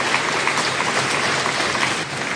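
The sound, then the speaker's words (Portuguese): A crowd of staff applauding British Prime Minister Keir Starmer as he announced his resignation as Labour Party leader, a dense, steady patter of many hands clapping at an even loudness throughout, with no voices heard over it. “No início, aplausos dos colaboradores, mas o momento era sóbrio e melancólico.”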